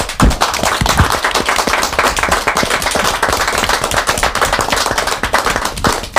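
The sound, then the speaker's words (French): Applause from a group of people, a dense, steady patter of many hands clapping at once, loud and sustained for several seconds with no voices over it. “Nous l'acceptons et on va peut-être pouvoir rajouter des applaudissements. Allez, un applaudissement spontané.”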